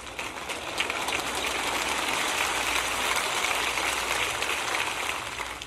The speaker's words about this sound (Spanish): Bueno, un hombre aplaudió.